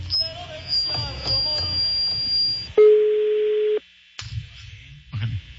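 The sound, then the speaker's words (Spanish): A telephone line rings on a radio broadcast, the phone of a man who sells puppies: one loud, steady electronic tone lasting about a second, cut off abruptly, with muffled background noise and a faint high whine before and after. “Bájale. Sonando. El teléfono del vato que vende perros.”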